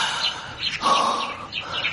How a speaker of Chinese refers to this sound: 哎，小鸟叫的真好听。